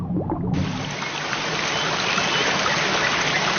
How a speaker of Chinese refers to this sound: 山间小溪富含氧气和有机质，是许多昆虫鱼类的育儿所。